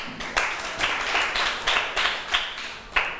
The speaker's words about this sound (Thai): ค่ะปรบมือให้เพื่อนหน่อย